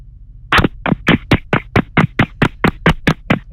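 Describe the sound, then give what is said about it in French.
A quick, steady series of about a dozen sharp taps on a phone, bright and fairly loud, evenly spaced after a brief quiet start, with no voices. “Ouais, tu peux me la faire écouter en tapotant sur ton téléphone pour voir si elle est bien raide?”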